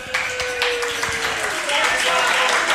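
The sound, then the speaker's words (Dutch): An audience applauds itself with a steady, dense wash of clapping that keeps an even loudness throughout, with a thin sustained whistle-like tone sliding through the middle. “Geef maar een applaus voor uzelf.”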